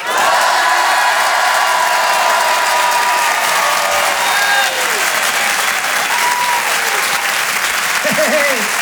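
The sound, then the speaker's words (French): An audience, filmed for a Facebook video, shouts and applauds together on a count of three in a loud, steady roar of clapping and cheering that lasts throughout, with a few higher voices whooping near the end. “Attention, je prends une vidéo de vous, vous allez tous crier, je la mettrai sur Facebook.”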